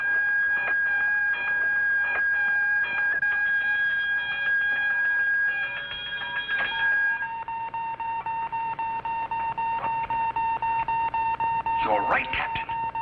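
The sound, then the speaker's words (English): A steady electronic radar alarm tone sounds continuously, shifting pitch midway and accompanied by repeated rhythmic pulses, with a brief warbling chirp near the end; voices may be faintly present underneath. “Radar alarm.”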